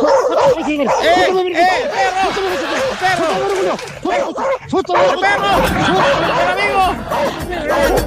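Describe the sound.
A dog passing by barks and yips repeatedly and loudly throughout, the barks overlapping in a steady, busy stream amid a background of chattering voices.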